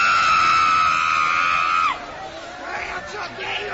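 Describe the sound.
An audience shouting loudly together: a long, sustained high-pitched cry holds for about two seconds, then breaks into a jumble of overlapping yells and rising and falling voices. They shout to cast out demons, calling on Jesus to burn them.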